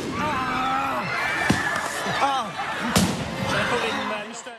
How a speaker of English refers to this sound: At that point, some of the demonstrators let off fireworks.